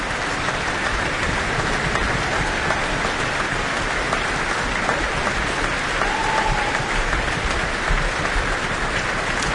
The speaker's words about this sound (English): Richard Schweda, lots of stamping of feet here for his role as Sharpless.